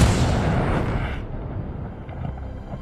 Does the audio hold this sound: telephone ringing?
no